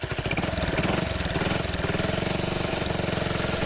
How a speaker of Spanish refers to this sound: Che, ¿no le arranca ahí la moto?